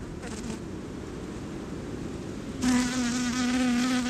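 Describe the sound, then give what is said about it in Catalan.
Bees buzz around a rose as they pollinate it, recorded in the comarca of Baixa Límia: a soft diffuse hum that swells at the midpoint as one bee flies past, its steady droning tone loud for the final seconds. “Per tal d'il·lustrar aquesta paraula, sentim el procés de pol·linització d'una rosa.”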